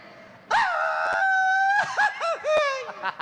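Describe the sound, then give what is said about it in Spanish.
A loud, high-pitched traditional Mexican grito on an Acapulco radio show: one long sustained yell that breaks into a series of warbling, laugh-like trills, alone without talk. “Te tienes que aventar un grito mexicano.”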